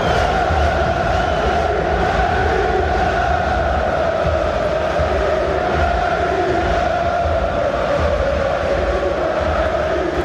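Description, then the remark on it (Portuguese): A dense, sustained roar of about 4,000 Benfica fans celebrating in the stands of San Siro after the final whistle of Benfica's historic first-ever win over AC Milan, a steady wall of massed voices chanting and singing with no pauses throughout. “O som da festa nas bancadas de San Siro.”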